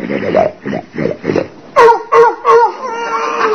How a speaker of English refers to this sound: Gertrude Watkins is downstairs eating and her nose is up here snoring. Kingfish, I bet that wasn't her down there at all. She must have fell asleep on the sofa.